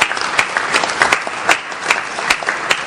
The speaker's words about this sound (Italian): chiederei anche in questa sede di fare un applauso a Francesco Florenzano